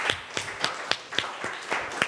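A class of students claps together for a classmate in a steady, fairly quick rhythm of about eight sharp beats, with a wash of scattered clapping filling the gaps. No one is speaking.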